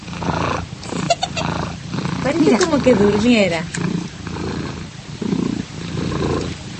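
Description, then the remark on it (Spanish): A domestic cat purrs steadily throughout, a continuous low rumbling drone, while people talk over it. “Ahí está ronroneando, hermana.”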